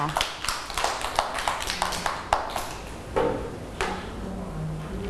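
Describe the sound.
A group of children clapping, with quick, uneven, overlapping claps that continue for several seconds at moderate volume, while faint voices murmur in the background.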